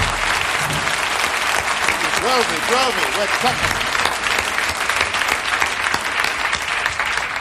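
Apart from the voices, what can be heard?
audience applause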